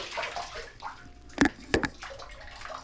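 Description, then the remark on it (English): Water sloshes in a bathtub as a dog splashes about with its paws in the tub, getting water all over the floor, with two sharp splashes standing out over a steady background of moving water. No one speaks. “Get your paws out of the bathtub. You're getting water all over the floor.”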